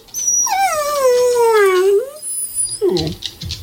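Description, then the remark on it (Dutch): A rough-haired dog named Rexy lets out a long, drawn-out whining howl that slides down and then lifts at the end, followed by a shorter whine, fairly loud with no talking. “Het is echt een verbeeldige hond.”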